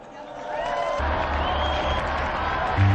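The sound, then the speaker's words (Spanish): A voice trails off, then an audience bursts into steady, dense applause in honour of Saint Peter and Saint Paul. The applause stays loud for a couple of seconds, with a crowd murmur mixed into the clapping. “Brindemos nuestro cálido aplauso a San Pedro y a San Pablo.”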